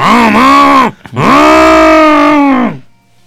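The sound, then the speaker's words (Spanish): A voice imitates a loud motorcycle exhaust, acting out riding past on a motorbike in a scene for a film-title guessing game: two buzzing, harmonic-rich vocal bursts, a short one then a longer revving one with a brief gap between, ending as the strained voice fades. “haciendo que pasaba en moto y haciendo mucho ruido con el escape.”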